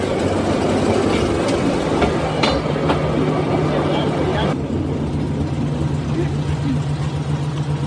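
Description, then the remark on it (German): A small rail draisine drives out from a turntable after a gear shift, its engine droning steadily with a low constant hum and the rumble of wheels rolling on track, a few clicks and clunks breaking through. “Schalten, wie beim Auto.”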